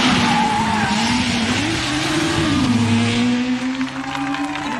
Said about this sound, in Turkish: Numara 10 geliyor. Ama bu kesinlikle Schlesser değil. Bu bir taksi. Numarasını da alamadım.